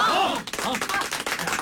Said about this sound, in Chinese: 是啊， 他们啊是咱们唱村的榜样，大家为这些带头的模范鼓鼓掌。